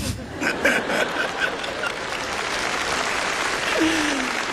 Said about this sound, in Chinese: 你不要拍手啊，因为这首歌就不是你想着我讲的那首歌啊。